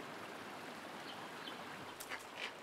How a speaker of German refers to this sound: Aus den Steilwänden im Osten fließen das ganze Jahr über kleine Bäche.